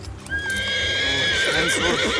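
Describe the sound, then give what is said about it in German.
A horse lets out a long, high whinny that holds steady and then breaks into a shaky, fluttering finish, while hooves clip-clop in a steady rhythm underneath, as a group of three cavalrymen ride up along a country road. “Als wir die Landstraße erreichten, sahen wir eine Gruppe von 3 Kavalleristen auf uns zukommen.”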